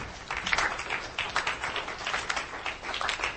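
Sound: studio audience applause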